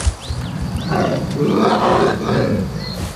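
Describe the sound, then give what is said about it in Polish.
A powerful brown bear gives a deep, rumbling roar that swells and holds for a couple of seconds, loud, with faint chirping birds in the background. “Teraz już potężny niedźwiedź przybywa mu towarzyszyć.”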